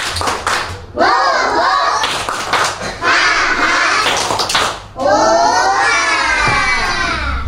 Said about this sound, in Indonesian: Kita tepuk semangat dulu teman-teman. Tepuk semangat. Tepuk semangat dua.